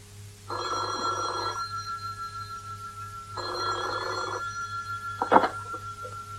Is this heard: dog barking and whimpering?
no